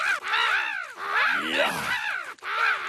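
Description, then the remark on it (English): Several crows caw loudly, their harsh calls overlapping in a continuous, raucous chorus with only brief gaps. No one speaks. “Any chance giant metal crate scares crows?”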